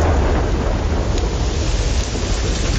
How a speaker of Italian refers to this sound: Piove. La causa è un anticiclone di tipo atlantico seguito da uno africano.